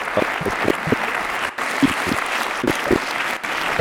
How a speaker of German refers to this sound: Einen großen Applaus